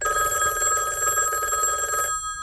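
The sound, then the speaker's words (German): A telephone rings continuously with a bright, steady electronic trill of high harmonic tones, fairly loud, cutting off abruptly near the end. No voices are heard. “Nimm du doch den Hörer ab, wenn dich das interessiert!”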